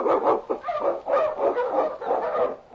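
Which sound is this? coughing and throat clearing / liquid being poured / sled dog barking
sled dog barking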